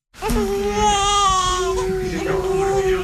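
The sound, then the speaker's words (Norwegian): A newborn baby, not more than a day old, cries loudly and steadily for about three seconds, a high, wavering wail with strained harmonics that stays continuous from start to finish, while lying on a midwife's lap in the maternity ward of Sykehuset Telemark in Skien, Norway. “Den lille babyen ligger på fanget til jordmålet.”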